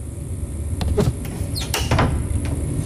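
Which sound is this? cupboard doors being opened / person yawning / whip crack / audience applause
cupboard doors being opened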